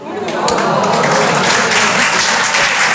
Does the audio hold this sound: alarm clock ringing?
no